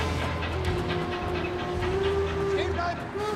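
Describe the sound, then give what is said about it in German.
A steady, loud rumble of a moving train with continuous low mechanical drone and a sustained tonal hum, some rattling and brief higher squeals, with faint voices mixed in. “Was macht die denn auf dem Zug?”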